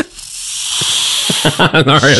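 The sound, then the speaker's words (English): A snake hissing sound effect, a steady, loud, airy hiss that runs the whole time, with a person starting to talk over it partway through. “That's the worst snake sound effect.”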